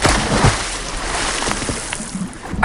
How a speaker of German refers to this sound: durfte exklusiv mit der Katja vom Freibadverein anschwimmen